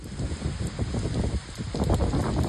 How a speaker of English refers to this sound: The torrential rain that pounded cities east of Tokyo flooded roads and dozens of homes and caused power outages.